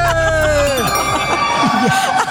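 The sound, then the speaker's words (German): Several girls scream loudly together on a radio broadcast, shrill overlapping voices rising and falling in pitch for a couple of seconds, with a crowd-like hubbub underneath. “Die haben, falls du gerade was im Radio gehört hast, laut schreien, das waren die Mädels.”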